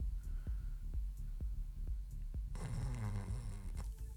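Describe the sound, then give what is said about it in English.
Human snoring: a steady run of low, throbbing pulses gives way to a loud, raspy, drawn-out snore with a rattling buzz, with no talking. “If your snoring is setting off the alarm at the house.”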